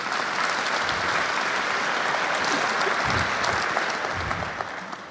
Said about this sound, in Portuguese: Aplauda, porque se converteu de novo.